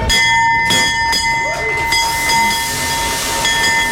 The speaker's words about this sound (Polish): Po 10 latach na giełdzie papierów wartościowych pojawił się nowy dzwon otwierający sesję notowania.